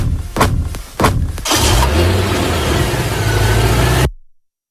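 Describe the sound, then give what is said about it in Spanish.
A few sharp thuds, like car doors, give way to a loud engine rumble with broad rushing noise as the car pulls off, cutting off abruptly. “Es el final, triste final, de una historia que comenzó el 29 de octubre de 2017 con una huida en un coche blanco.”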